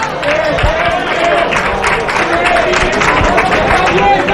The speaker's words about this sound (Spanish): Bueno, hay aplauso desde el banquillo del Bollullo para la acción de sus jugadores.